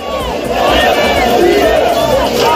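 About 6,000 demonstrators, protesting against the expected victory of the far-right Alternative for Germany in the Saxony-Anhalt regional elections, chant and shout together in a loud, sustained roar, many voices overlapping with rising and falling calls throughout.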